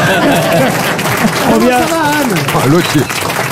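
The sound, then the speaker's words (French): A crowd applauds steadily and loudly, a dense wash of clapping lasting a few seconds, with voices cheering and calling out over it. “Un nouveau manœuvre, applaudissements.”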